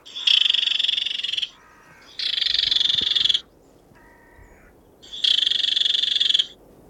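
A recording of barred warbler calls played back at a bush to try to draw a response from a barred warbler: three loud, dry, buzzing rattles, each over a second long, separated by softer, lower chattering notes, with no voices.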